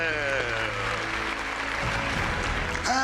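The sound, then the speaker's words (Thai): Sustained audience applause as a 20-time champion contestant's family is invited onto the stage, a dense, steady clatter of many clapping hands fills all three seconds, with held musical tones ringing underneath and a brief swell near the end. “โอกาสนี้เชิญครอบครัวบนเวทีหน่อยปรบมือหน่อยเลย”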